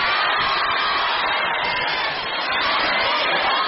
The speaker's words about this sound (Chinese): 来，给他点掌声。